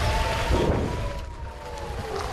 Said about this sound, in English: Shortly before we leave Rosh HaNikrah, the sound of an air raid siren from a neighboring kibbutz shatters the silence, and once again, people take shelter.